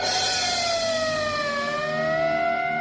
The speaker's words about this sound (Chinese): 他走到边上往下看去，一辆救护车鸣叫着开进校园，人群散开了